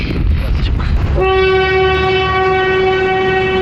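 vehicle, train passing with horn

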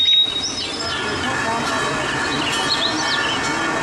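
bird, birds chirping

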